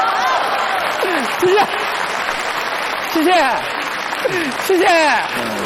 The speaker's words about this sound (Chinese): 我看还有鼓掌的， 哎，大伙儿看， 刚才还有叫好的。